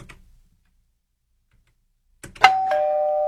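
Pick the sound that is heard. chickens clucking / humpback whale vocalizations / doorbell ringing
doorbell ringing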